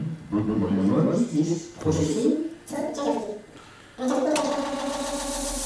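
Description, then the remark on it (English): Wordless vocal tones repeat in echoing layers, then at about four seconds swell into a steady, dense feedback drone with a bright, hissy ringing top that holds to the end; an internal feedback echo made by copying a machine's left channel to the right and the right to the left. “So you can make a kind of internal feedback in the machine like this.”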